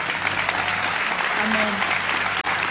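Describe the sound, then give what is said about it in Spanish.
Steady, dense applause from an audience, a continuous bright wash of many hands clapping at even loudness, with a brief dip near the end before it resumes. “Vamos, si vas a aplaudir.”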